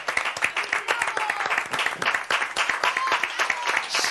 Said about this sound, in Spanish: Tanto aplauso, tanto aplauso.